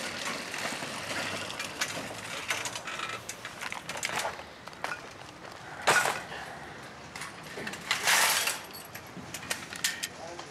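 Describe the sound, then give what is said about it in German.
Metallic clicking and rattling as a coin is pulled from a shopping cart's lock, with two sharper clanks of the mechanism partway through over a low, busy background. “Vergiss ja immer, die Münze rauszunehmen.”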